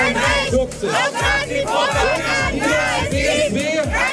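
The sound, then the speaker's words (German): Hundreds of protesters chant loudly in front of the Saxony-Anhalt state parliament (Landtag) in Germany, protesting the election of AfD politician Tobias Rausch as parliament president; many voices shout together in a steady rhythm of repeated bursts that continue without a break. “Vor dem Landtag protestierten heute auch hunderte Menschen gegen die Wahl.”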